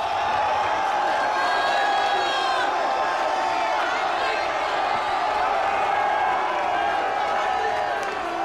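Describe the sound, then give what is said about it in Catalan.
A large stadium crowd roars in a sustained ovation for footballer Martín de Michelis as the team comes down into the stadium amid flares and smoke, a dense wash of cheering, whistles and applause that stays loud and steady throughout, with voices blending into the noise. “Enorme l'ovació que s'ha enduit Martín de Michelis, molt més important que l'altra vegada que va ser el seu primer partit a Espanya, contra l'Espanyol, perdó, i escoltat Som Moix.”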